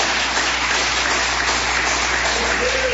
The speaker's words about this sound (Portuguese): Pode glorificar o Senhor com palmas. Pode glorificar a Jesus com palmas.